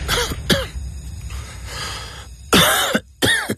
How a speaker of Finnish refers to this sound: Hei, älä suotta köhi.